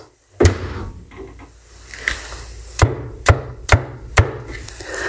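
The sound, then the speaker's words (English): A wooden door shuts with a heavy thud, followed by a few sharp, evenly spaced clunks and knocks. No one speaks. “Come now, Mary, shut the door.”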